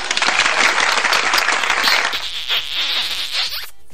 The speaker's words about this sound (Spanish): ¿Dónde están esos aplausos, besos?